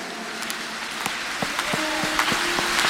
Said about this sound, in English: The clap offering is not good. Clap your hands and say, in the name of Jesus.